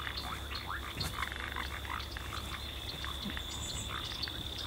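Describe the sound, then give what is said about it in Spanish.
A dense chorus of frogs and toads croaking continuously in a wetland beneath a forest of giant mañío trees, many overlapping calls with a steady high trill above and low rumbling underneath, sustained and moderately loud throughout with no talking. “Acá se escuchan las ranas y sapos que viven en esta zona húmeda.”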